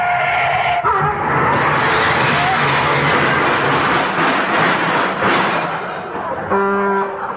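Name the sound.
car skidding and crashing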